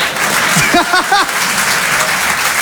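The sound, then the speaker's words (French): A crowd applauds steadily to answer a comedian's question of who thinks he has a bad accent, a dense wash of clapping filling the whole moment, with a few short voiced shouts rising briefly over it near the start. “Et toujours par applaudissement, qui trouve que j'ai un accent de merde.”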